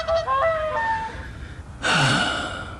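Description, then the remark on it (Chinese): Three rescued swans at Wuliangsuhai give several honking, trumpeting calls in quick succession, followed by a louder, breathy burst of noise, with no talking. “或许啊，这几只天鹅，就是现在乌梁素海仅剩下的几只天鹅了， 会好起来的。”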